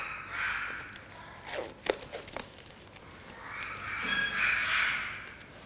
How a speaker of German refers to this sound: Dieser Gustav-Sittich ist hier bei uns in der Klinik, weil dieser Vogel ein Problem mit seinem Ring hatte. Der Ring ist ein bisschen hochgerutscht und hat eine Verletzung geführt und deshalb muss der Vogel behandelt werden.